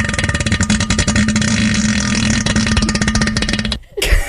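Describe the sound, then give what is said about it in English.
A voice imitates a long, deep, bassy fart into a toilet bowl, a low buzzing rasp sustained for nearly four seconds before cutting off abruptly, followed by a brief breathy sound. “It was bassy. Yeah, one of them bassy farts.”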